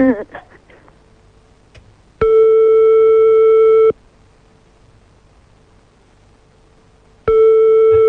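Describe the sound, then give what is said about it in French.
A phone line tone from a call to a mobile phone that isn't going through: a loud, steady electronic beep lasting under two seconds, a long silent pause, then the beep returning, after a brief murmur of voices. “Ça, c'est sur le portable, hein, sinon on va appeler sur le fixe.”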